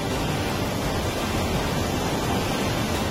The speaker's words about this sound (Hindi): पुंछ जिले के बफलियाज इलाके में कुदरत का रौद्र रूप देखिए। लगातार हो रही बारिश के बाद बादल फटा और फ्लैश फ्लड की चपेट में कई इलाके आ गए।